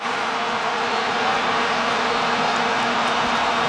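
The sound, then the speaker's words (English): A dense, unbroken drone of many vuvuzelas blaring together across a packed stadium, a loud buzzing wall of sound with a steady low hum and no pauses. “If you haven't heard of Vuvuzelas, this is what it sounds like when you got a whole stadium packed with Vuvuzelas.”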